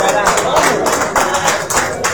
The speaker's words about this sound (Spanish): Gracias, un aplauso, por favor.